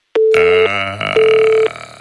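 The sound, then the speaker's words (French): A telephone tone after the line drops: two steady half-second beeps separated by a short gap, fairly loud, with a rough, rumbling noise running underneath. “Le téléphone a coupé.”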